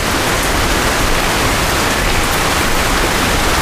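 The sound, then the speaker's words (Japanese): A river flows with a steady, dense rush of water, loud, holding an even hiss from start to finish with no voices or other sounds breaking through. “川沿いに来て少し落ち着きたくて。”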